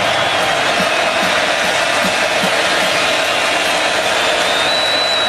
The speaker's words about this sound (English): Crowd's roaring here in Gainesville.